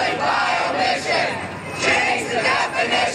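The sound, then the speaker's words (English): A large protest crowd at a massive ACT UP demonstration in Washington, D.C., in 1990 shouts and chants together, a dense roar of many voices that rises and falls in loud surges without a break. “Within 3 weeks, she breaks her parole by taking a bus to Washington, D.C. to join a massive protest organized by ACT UP.”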